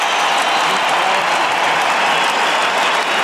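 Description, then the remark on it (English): A huge stadium crowd, all on their feet, roars and applauds continuously in support of Jai Arrow, who has motor neurone disease. It is a dense, loud wall of cheering and clapping that holds steady from start to finish with no break. “Look at this crowd. They're all on their feet. Another roar from the crowd.”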